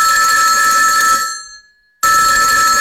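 A loud telephone bell rings in a sustained metallic burst, fades briefly into silence, then abruptly starts ringing again at full volume, as campaigners are bombarded by phone calls from undocumented Irish people.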